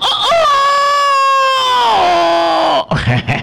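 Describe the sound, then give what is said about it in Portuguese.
A rooster crows in one long, strained call, its harmonic-rich voice rough and raspy, holding steady before sagging downward at the end; a brief burst of talk follows. “Esse galo tá com gogó. Tá com gogó rouco.”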